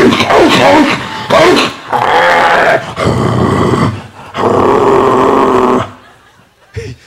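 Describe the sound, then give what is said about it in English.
A German Shepherd growls and snarls in several long, loud bursts, broken by brief pauses, trailing off into quiet with one short final sound. “No, but he was the dick dog. You know that nasty like German Shepherd all day.”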